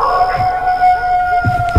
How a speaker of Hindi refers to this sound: जिनमें से जंगली जानवरों और सियारों की रोने की आवाज आ रही थी।